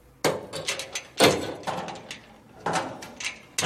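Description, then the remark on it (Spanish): A man grabs the lock on a cage elevator gate and rattles and jerks it, producing four loud clanks with ringing decays in between, spaced roughly a second apart, with no voices. “Camina de nuevo hacia el ascensor de la jaula. Abigail le mira con el ceño fruncido. Frank mira hacia otro lado, luego toma la cerradura y la mueve”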